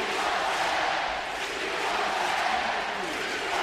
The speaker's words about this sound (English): The Sharks with a 9-1 lead over Calgary. The Flames are not looking forward to a trip back home. The crowd now chanting, "We want 10 again."